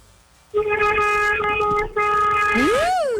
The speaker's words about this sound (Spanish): Le está tocando ay, el pito. Ay, gracias por ese pitazo.